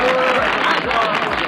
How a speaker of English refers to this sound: It's a okay clap. I mean, I think it got a bit. It was all right.